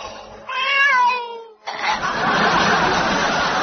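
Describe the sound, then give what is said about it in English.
A single drawn-out, wavering meow from Mr. Fawlty's very ill cat in the backyard, then cuts off abruptly into a sustained wash of loud, hissing noise that fills the rest of the moment. “Fawlty happy again, until he go to backyard where his cat, who look very, very ill.”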